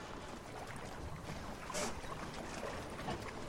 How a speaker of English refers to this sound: It's a sailing boat, all white, with 8 seats. It's made of heavy plastic glue and I don't know what else.